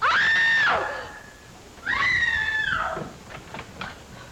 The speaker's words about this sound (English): Who screamed? What's all the racket? Pounding on walls, screech?